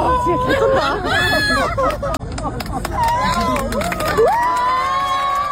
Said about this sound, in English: Who do you think the applause was for?